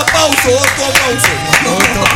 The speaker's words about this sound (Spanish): Bravo. Otto, un aplauso para Otto.